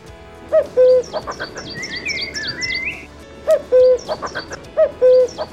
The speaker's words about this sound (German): Ja, und auch ihn hört man derzeit oft, wenn man im Wald unterwegs ist. Den Kuckuck. Im Volksmund gibt es da den Glauben, dass es finanzielles Glück bringt, wenn man etwas Geld in der Hosentasche hat, wenn man zum ersten Mal den Kuckuck rufen hört.